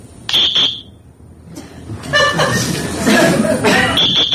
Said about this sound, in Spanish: ¿Qué es eso? Es un silbato. ¿Silbato? Sí. Para gente que normalmente se hace un partido entero.